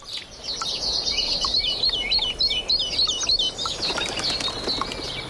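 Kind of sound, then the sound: bird, birds singing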